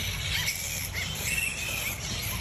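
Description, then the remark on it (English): A flying fox colony screeching: a dense, continuous mass of shrill squeaks and chatter, high-pitched and steady in loudness throughout, with no voices. “If you've lived near a colony of flying foxes, you'll well know this noise.”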